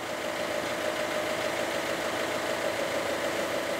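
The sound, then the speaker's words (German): Two new 110 hp boat engines idle steadily in the Hansahafen, a continuous low rumble with a faint tonal hum and slight mechanical chatter, even in level throughout, with no voices. “Sie funktionieren. 2x 110 PS.”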